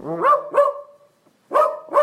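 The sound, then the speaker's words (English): A dachshund voice from an AI text-your-dog app barks four times in two quick pairs separated by a short pause, loud, likely played back through a phone speaker, with no voices. “we have three dog voices to choose from. Chihuahua, Golden Retriever, or a Dachshund.”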